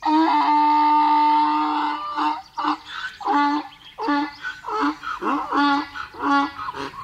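A donkey brays loudly: a long, strained, wheezy tone for about two seconds, then a rapid run of rhythmic, harsh hee-haw bursts that continues to the end, with no talking.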